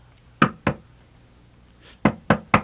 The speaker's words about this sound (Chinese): 有人在敲门呢。 哎呀，睡吧，三更半夜没有人会敲门的。